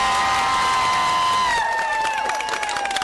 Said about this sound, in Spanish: Muy bien, entonces unas palmas para Churuzapa.